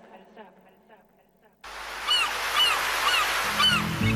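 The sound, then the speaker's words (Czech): After a brief voice at the start, loud rushing sea surf fills the scene while several seagulls cry out in repeated high, arcing calls overhead, clear above the steady wash, in a dawn wake-up segment of Radio Đakovo. “Prije jutra u zoru budimo vas s galebima na moru”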